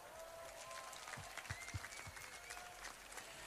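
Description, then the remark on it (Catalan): A crowd applauds steadily for the Junta (board) at the Festa Major of Sant Andreu, a dense wash of many hands clapping, with a few louder individual claps standing out partway through. “I demano per la Junta, fem un gran aplaudiment.”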